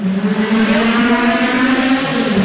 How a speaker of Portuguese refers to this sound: E também corre aqui no circuito, também se aventura a entrar dentro de um carro destes e fazer uma corrida.